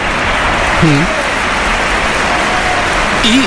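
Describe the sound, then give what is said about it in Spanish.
A stadium crowd at the Bernabéu applauds steadily for Gonzalo, number 16, during Real Madrid's third substitution against Real Oviedo, a dense, even wash of clapping that holds for a few seconds, with a couple of brief voices calling out over it. “Aplausos.”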